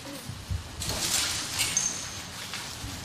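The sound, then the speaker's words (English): A dense shower of small hard candy pieces pattering and scattering onto a surface, starting abruptly and continuing as a steady rattling hiss with no voices. “This is a rain. That's a rain of candy.”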